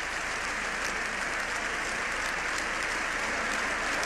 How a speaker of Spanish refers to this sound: El sembrador, acompañando al Papa en esta ovación, ya completa el sexto minuto. Sexto minuto de ovación de pie. Y le gritan de nuevo, ¡viva el Papa!